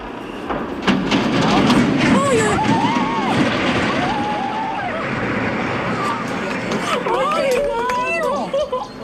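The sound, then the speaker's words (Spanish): The huge riveted iron girders of the San Miguel de Arcos bridge creak and screech as they bend while the bridge is demolished and falls into the river. Drawn-out, wavering high-pitched groans sound over a steady loud rumble, with a crowd of watching residents talking throughout. “Son los chirridos que hacen al doblarse las enormes vigas de hierro, el estruendo del puente de San Miguel de Arcos al caer al río y el asombro de los vecinos.”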